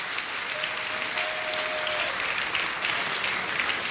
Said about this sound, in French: Est-ce qu'on peut applaudir le nom de Jésus, s'il vous plaît?